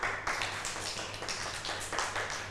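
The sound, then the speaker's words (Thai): A group of children clapping their hands on their teacher's instruction in a rough, steady rhythm, with overlapping claps forming repeated bursts over a constant low hum. “หยุดแล้วค่ะตั้งใจฟังคำสั่งของครูนะให้เด็กๆปรบมือค่ะปรบมือแบบไหนเอ้ย”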